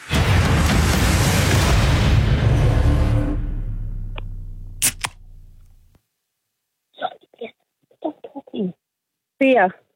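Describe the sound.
A beer can, can number two in a radio guessing game, is opened with a loud, rushing fizz that tapers off over several seconds. A few sharp metallic clicks follow, then short bursts of people talking.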